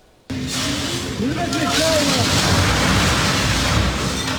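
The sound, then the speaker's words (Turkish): After a brief silence, the upper part of an abandoned two-storey building in Cevizlik, Bakırköy, Istanbul, Turkey, suddenly comes crashing down onto the street, filmed on a mobile phone, with a loud, sustained roar of rumbling debris. Voices cry out faintly beneath the noise. “İstanbul'da Bakırköy'de iki katlı bir metruk binanın üst kısmı sokağa çöktü. O anlar cep telefonu kamerasına yansıdı.”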